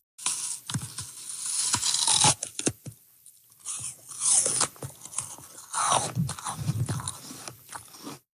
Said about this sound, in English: That is the distinct sound of someone biting into a crispy, crunchy apple, something that can take apple breeders decades to perfect. After 25 years of experimenting, Canadian scientists think they've done just that.